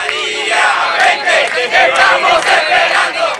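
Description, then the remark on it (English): Hundreds of protesters chant and shout in the streets of Caracas, Venezuela, demanding the return of exiled opposition figure Maria Corina Machado, many voices merging into a loud, steady roar with rhythmic surges of raised, cheering cries throughout. “To Venezuela's capital now, where hundreds of people have taken to the streets demanding the return of the exiled opposition figure, Maria Corina Machado.”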